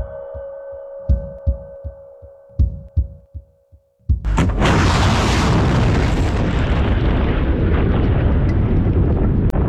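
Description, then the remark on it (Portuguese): Low, heartbeat-like thumps pulse over a steady hum, then a sudden loud blast gives way to a sustained, roaring rumble as Iranian missiles explode in the sky over Israel at night. “Do cessar-fogo aos mísseis no céu, a viagem agitada do Observador a Israel.”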